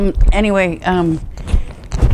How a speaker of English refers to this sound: And I'm sorry about this noise. It's my cat.